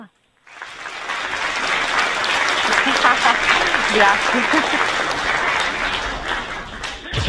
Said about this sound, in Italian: Il single, la sigla, hai visto l'applauso, anche la sigla